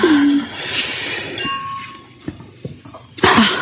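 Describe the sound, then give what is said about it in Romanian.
Wine glasses clink together a few times during a brotherhood (brudershaft) toast, bright ringing taps with a sustained tone, alongside a sharp breath or cough-like burst and some rustling. “Uite și vin. Hai să bem brudershaft.”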